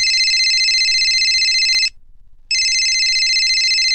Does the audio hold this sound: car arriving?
no